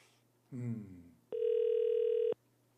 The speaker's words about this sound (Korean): 아유, 전화를 안 받는다. 아, 이런 참.